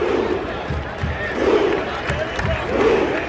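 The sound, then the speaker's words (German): Norwegian football fans at a World Cup stadium chant and roar in unison, the whole stand making rowing motions in time, loud rhythmic bursts of shouting repeating roughly every second and a half over a constant wash of crowd noise. “Die norwegischen Fans sind so irre, die komplette Kurve macht Ruderbewegungen im Takt und brüllt dazu.”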